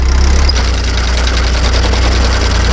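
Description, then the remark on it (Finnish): A tractor engine runs steadily on its own during 1990s haymaking and hay raking work in Finland, a loud, deep rumble with a fast, even chugging pulse and a faint whine above it, with no voices. “Se kuulosti muuten se homma aikanaan kutakuinkin tältä.”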